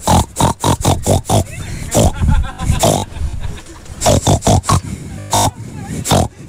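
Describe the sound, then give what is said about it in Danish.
A person imitates a pig in a pig-grunting contest, letting out a rapid series of loud grunts and snorts in uneven bursts, with a few squealing, drawn-out oinks mixed in. “Så spørgsmålet er, om du kan grønte som en gris godt nok til, at du kan vinde en kasket.”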